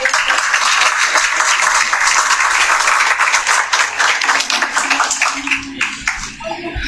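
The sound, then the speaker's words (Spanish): A crowd breaks into loud, sustained applause welcoming the municipal manager as municipal authorities open an event, a dense crackle of many hands clapping at once that holds steady for several seconds before starting to thin out as a voice briefly surfaces at the end. “Fuertes aplausos y la bienvenida al señor gerente municipal”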